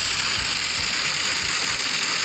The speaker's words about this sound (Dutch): En over het weer gesproken, ik zeg het al, ik reed dus terug. En het goot met bakken uit de hemel. Echt niet normaal. Ik zal even... Ja, je gaat het niet geloven, maar zo klonk het dus in mijn auto.